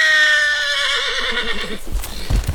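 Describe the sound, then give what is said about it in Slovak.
An agitated horse gives a loud, high, shrill whinny that wavers and trails downward, followed by a few dull hoof thumps at the end. No one speaks. “Môžeš mi povedať, čo s tým koňom robíš, že je takýto zjančený?”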